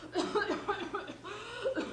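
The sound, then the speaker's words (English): A woman coughs repeatedly in quick, rhythmic bursts, moderately loud, with a rough, voiced quality and no one speaking over her. “Well, listen to that poor woman cough.”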